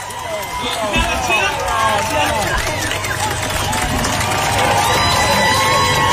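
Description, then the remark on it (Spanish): A large concert crowd roars and cheers without a break after the show stops while the singer is given oxygen, with many shouting voices and possible clapping blended into a loud, dense wash of noise. “le pegó como 4 grandes bocanadas, como podéis ver en este momento, y para todos los que están conectados por YouTube, el público aplaude porque paró el show y a ver si escuchamos lo que dice.”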